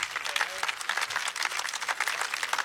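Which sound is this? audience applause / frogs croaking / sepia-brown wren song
audience applause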